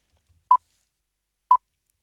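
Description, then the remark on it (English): Two short electronic beeps, each a clear mid-pitched tone, spaced about a second apart against silence, with no voices; the beeps of a quiz game, where the contestant answers on the third beep. “You would then hear three beeps.”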